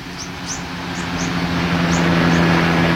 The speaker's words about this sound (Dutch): Er vliegen bijvoorbeeld vaker helikopters langs om de oceaan in de gaten te houden. Hier komt er één.